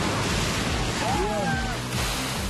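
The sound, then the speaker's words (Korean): Heavy ocean waves surge and crash against rocks in a loud, continuous roar that barely lets up, with a faint voice-like call briefly rising above the surf midway; rough midsummer waves on rocky shore where people harvest wild rock seaweed. “무섭게 몰아치는 거센 파도 속에서 채취하는 것은 바로 자연산 돌미역입니다.”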